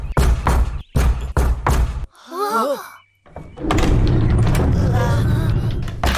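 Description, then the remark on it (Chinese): Loud, rapid knocking on a door in several quick bursts, followed by a brief warbling call and then a sustained, noisy commotion. “快一点，为什么不敲门呢？”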